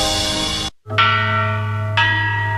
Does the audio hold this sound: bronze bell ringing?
yes